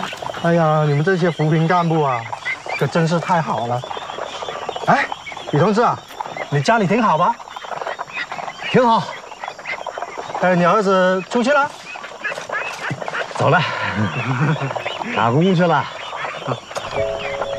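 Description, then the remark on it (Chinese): A flock of farm-raised ducks quacks nonstop, their overlapping nasal calls crowding together in loud bursts with barely a pause throughout. “我每一天要听不见这帮家伙的叫， 我还挺想的。”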